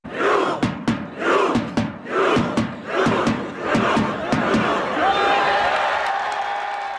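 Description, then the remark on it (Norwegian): A large crowd of Norwegian football fans gathered at Slottsplassen, several hours before kickoff, chants loudly in rhythm, punctuated by sharp, regular claps, before the chant dissolves into a sustained roar of many voices with a horn-like tone rising above it. “Flere timer før kampstart hørtes det slik ut på Slottsplassen.”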